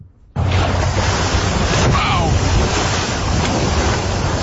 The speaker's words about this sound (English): This is audio of a North Vancouver man who recently captured a orca breaching. And you are correct. It doesn't sound very graceful.